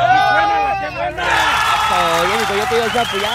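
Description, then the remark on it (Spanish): A street crowd at a Qué Buena radio gift giveaway shouts and cheers loudly together, many overlapping voices rising into a sustained, dense roar that swells after the first second and holds steady. “Y a ver, fuerte el grito.”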